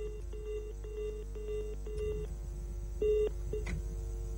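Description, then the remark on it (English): A rapid series of touch-tone telephone dialing beeps, each short dual-pitched tone cleanly separated by brief gaps, heard alone over a low steady hum with no one speaking, as phone lines are worked to get guests on the line. “We're still working the phone lines to get them on the line to speak to us.”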